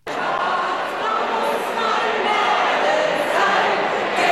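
A packed, sold-out festival tent crowd in Kastelruth, South Tyrol, roars and cheers continuously as a singer starts the fans' favourite songs, a dense, loud wall of voices that stays steady throughout, with a few shouts rising above the din.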